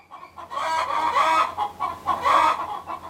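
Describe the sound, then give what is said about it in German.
Several hens cluck and squawk in an enclosure in a dense, overlapping chorus, with busy bursts of calls rising and falling, as a rooster among them gathers the hens to lead them toward the coop; no clear crow stands out. “Als die Abenteurer das Gehege erreichten, war der König des Hühnerhofs gerade damit beschäftigt, seine Hühnerschar um sich zu sammeln, um sie Richtung Stall zu führen.”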